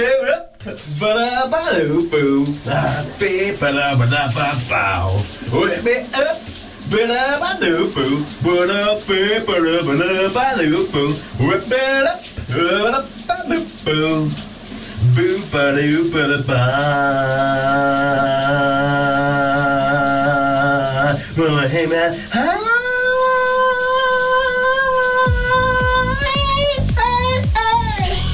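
A man sings loudly and wobbly over the steady hiss of running shower water, sliding between notes before straining up to a long, high held note near the end.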